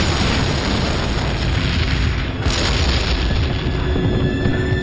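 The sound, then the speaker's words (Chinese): Explosive charges placed on Soviet T-34 tanks blow up at night, heavy explosions blasting into a continuous deep, roaring rumble that stays loud for the whole stretch, with no distinct pauses and no voices. “我们趁苏军不备溜出坦克，偷偷摸到苏军的坦克边上，将炸药包安在2辆 T-34 坦克上，然后赶紧离开躲起来。爆炸声响彻夜空，紧接着我们又把2个炸药包安在其他 T-34 坦克上。”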